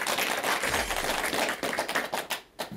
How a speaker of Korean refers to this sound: 네. 좋은 질문이. 여러분 박수 한번 부탁드릴게요.